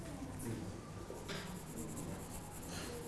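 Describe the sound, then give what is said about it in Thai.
Soft, steady scratching of a pencil shading back and forth across paper, continuous for a few seconds with slight swells in intensity, fairly quiet, as a teacher demonstrates shading in a drawing lesson. “ถ้าเรายิ่งค่อยๆขยับมือขึ้นเรื่อยๆนะครับน้ำหนักเราก็จะเบาแต่ถ้าเรากดลงนะครับมันก็จะเข้มนะครับฝากคุณครูปลายทางด้วยนะครับดูนักเรียนปลายทางให้ระบายน้ำหนักหรือว่าแรงเงาให้ถูกต้องด้วยนะครับ”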